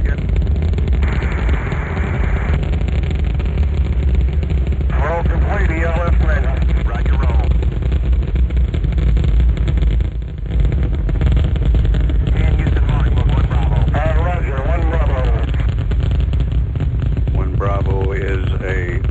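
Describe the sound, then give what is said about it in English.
A loud, continuous rumbling roar of rocket engines at liftoff, 49 minutes past the hour, with all engines running, fills the whole stretch, with voices talking over the din. “Liftoff. We have liftoff 49 minutes past the hour.”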